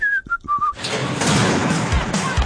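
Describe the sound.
A person whistles three short, clear notes, the first higher and the next two lower, before a steady wash of broad background noise takes over.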